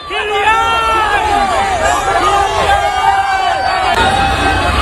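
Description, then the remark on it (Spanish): A dense crowd of fans shouts and cheers in welcome as Mbappé and the France national football team arrive in Boston, many overlapping voices rising and falling in pitch, loud and steady for the whole stretch. “Así suena la llegada de Mbappé a Boston.”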